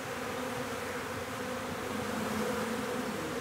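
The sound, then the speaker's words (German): A steady, dense drone of a honeybee colony buzzing together at an old log hive in the Planten un Blomen park, a continuous hum with slight waverings in pitch and no voices. “das nun hier in der alten Klotzbeute von Planten und Blumen sein neues Zuhause findet. Das Interesse ist groß.”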